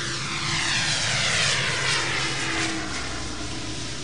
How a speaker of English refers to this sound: A few minutes later, the plane took off again, rising at a steep angle made possible by its propellers, which essentially create extra wind for the wings.